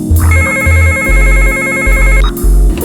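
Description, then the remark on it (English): A phone rings with a loud electronic ringtone, a steady melodic pattern repeating over and over with pulsing low notes underneath. No one speaks. “get the phone.”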